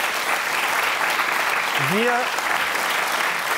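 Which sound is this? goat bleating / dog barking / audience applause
audience applause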